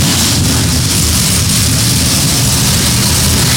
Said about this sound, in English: Some 33 NASCAR Craftsman Truck Series machines come to life as the command is given and we get set for the green flag. From Lime Rock Park, this is the NASCAR Racing Network, home of the tough trucks of NASCAR.